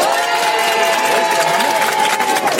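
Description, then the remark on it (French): A crowd at an RTL radio event cheers and applauds loudly and continuously, voting by applause meter on which song to play, dense clapping mixed with excited whoops and a sustained high-pitched shout running through the whole stretch. “Alors là, vous allez voter. On va faire l'applaudimètre.”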